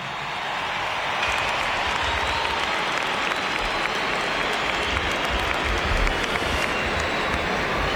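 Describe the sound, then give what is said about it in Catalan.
A large stadium crowd in Gran Canaria gives footballer Aitana Bonmatí of Barça an ovation, breaking into sustained applause and cheering, a dense, steady roar of clapping that swells in the first second and holds loud and continuous throughout. “per tant, Aitana Bonmatí, que rep aquesta ovació.”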